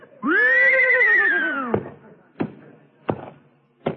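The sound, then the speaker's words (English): A trained horse, asked how much is 2 and 2, gives a loud, drawn-out whinny with a wavering tone that drops at the end, followed by three sharp, evenly spaced knocks like a hoof stamping on a hard floor. “Okay, tell me, horsey, how much is 2 and 2?”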